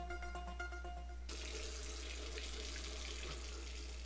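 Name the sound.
water running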